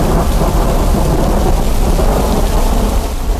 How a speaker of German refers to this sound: Und ich habe mir schon mal gedacht, was macht man denn, wenn von einem zum anderen Moment der Himmel auf einmal pechschwarz wird. Dunkle Wolken ziehen auf und es donnert.